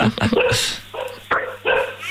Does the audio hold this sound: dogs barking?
yes